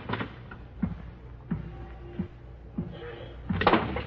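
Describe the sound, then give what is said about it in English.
A door in a suite opens with a handful of soft knocks and clunks spread over a few seconds, a faint creak running underneath, ending in a louder rattle, as a man enters the room. “the door opened in the suite and the silhouetted figure of a man entered the room.”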